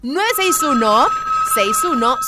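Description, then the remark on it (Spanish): A steady, high electronic telephone ring tone holds for about two seconds as a phone line is switched on in a radio studio booth, mixed under loud, animated voices that rise and fall. “Vamos a activar en este momento línea telefónica para estar ya en contacto.”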